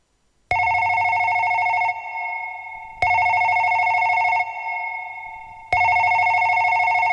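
A telephone rings three times at a steady pace, each burst a loud, buzzy electronic trill lasting over a second before fading, heard close and clear with no one speaking.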